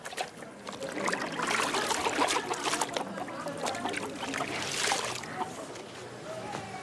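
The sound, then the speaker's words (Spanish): Wet clothes being lifted out of water, with continuous sloshing, splashing and dripping that swells and eases over several seconds. “Saca ya la ropa del agua para que se seque antes de la noche.”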